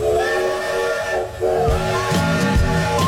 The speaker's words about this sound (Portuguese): O apito soou novamente. O Parque Mundo a Vapor está de volta.